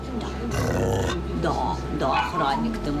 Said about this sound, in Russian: У першій кімнаті, де розташовані бокси з собаками та котами, нас зустрічає гучним гавкотом невисокий чорно-білий пес на колісному кріслі. Його задні лапи нерухомі.